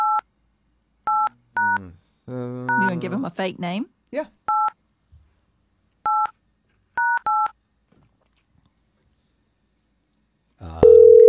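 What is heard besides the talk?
telephone number being dialed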